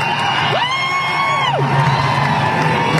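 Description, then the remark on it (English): A concert crowd at a singer's show chanting "USA" and cheering in a steady roar, with one long drawn-out shout rising, holding, then falling away above the noise; nobody speaks clearly. “Some people start chanting USA.”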